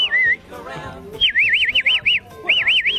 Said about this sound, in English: I've never been able to whistle like everybody else. I've whistled dogs, I've trained horses and dogs and cattle and all those sorts of things. Whistle up the cattle for me.